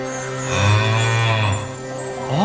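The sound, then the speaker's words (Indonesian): A golden calf statue sounds like a cow mooing as the wind blows through it, in one long, low, droning call that swells in the middle and tapers off, with a rising tail at the end. No one speaks. “Begitulah bunyi patung itu setiap kali angin bertiup.”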